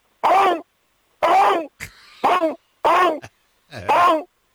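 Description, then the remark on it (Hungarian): A person imitates a raptor dinosaur in an imagined Jurassic jungle scene, calling to its companions that there is a big feast, with five loud, harsh, warbling cries, each about half a second long, separated by short pauses with faint clicks and breaths. “az őserdőbe, lezuhant a repülő, mi már halottak vagyunk, és őt még kinézi három raptor, és leadja a társainak, hogy gyertek, nagy lakoma van.”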